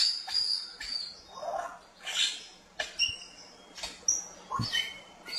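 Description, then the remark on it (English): An Albert's lyrebird runs through a varied mimicking song: high whistles, quick chirps, buzzy sweeps and sharp clicking notes, delivered in short bursts with no voices. “And I believe the Prince Albert is up here, or maybe I've got it the other way around, wrong way around, but I believe it's Prince Albert because of their mimicking skills.”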